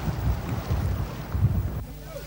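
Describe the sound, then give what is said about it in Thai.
A deep-sea tuna fishing boat far out at sea near the edge of Thai waters in the Andaman Sea, with a steady low engine rumble, wind buffeting the microphone and the wash of open water, fairly loud throughout. “เพื่อจับปลาทูน่าน้ำลึกเรือลำนี้ต้องเดินทางออกมาไกลเกือบสุดเขตหน้าน้ำไทย”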